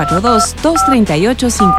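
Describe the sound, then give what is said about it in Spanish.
Three short bursts of touch-tone telephone dialing beeps sound over a loud, melodic voice in a jingle for RTQ Radio (Radio y Televisión Querétaro) announcing its studio phone line, the steady tones cutting in and out in a quick, jingle-like rhythm. “Teléfono en cabina”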